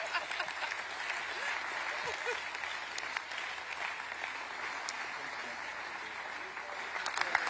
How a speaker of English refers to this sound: Fantastic. A round of applause. Even to his wife.